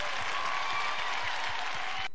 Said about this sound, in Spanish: Un aplauso bien fuerte para ellos.